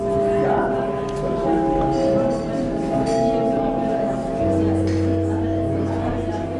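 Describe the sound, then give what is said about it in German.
A theatre gong at the Theater Baden-Baden in Germany calls the audience into the auditorium, sounding a series of ringing, sustained chime tones one after another, lingering over a steady murmur of a chattering crowd. “So kennen wir das Theater. Der Gong ruft uns in den Zuschauerraum.”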